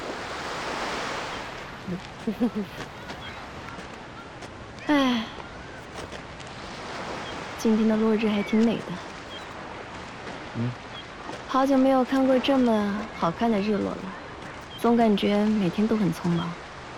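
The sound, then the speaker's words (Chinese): Steady ocean surf washes against the shore at a beach at sunset, with a breezy rush of sea wind over the mic, while indistinct voices drift in and out at intervals. “虽然在天上也能看到日落，但是少了这样的海风和海浪，就感觉平平无奇。”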